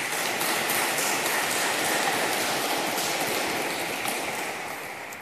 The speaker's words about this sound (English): And I think a round of applause is in order for that.